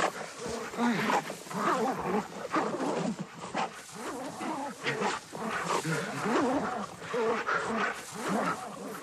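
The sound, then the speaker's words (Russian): Several dogs snarl and growl ferociously, a dense, continuous frenzy of vicious, overlapping snarls that never lets up, loud and chaotic, as soldiers set the dogs on a man and they maul him. “Собаки привычно рвут Андрея.”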